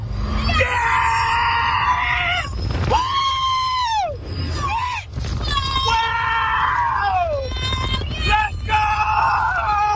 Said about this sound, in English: Nearby residents told of, quote, screams, blood-curdling screams that penetrate closed windows and doors every 30 seconds for about 10 hours straight when the park is open.